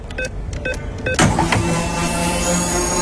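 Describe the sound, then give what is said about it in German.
Radio Regenbogen's free-fuel contest signal sound: a quick run of short electronic beeps, then a sudden whooshing burst that settles into a steady mechanical hum and whir, with no voices. “Das Geräusch zum Freitanken bei Radio Regenbogen klingt ja so.”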